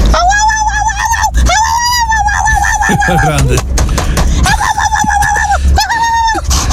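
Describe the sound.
An excited dog greeting its owner whines and yelps in long, high-pitched, wavering cries that come in several bursts, with a person briefly speaking between them over steady background noise.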